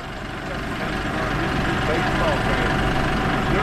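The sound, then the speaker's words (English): A tractor engine idles with a steady, low, throaty rumble, holding a constant loud drone throughout as the tractor maneuvers slowly into a corral. “The tractor maneuvered into the corral.”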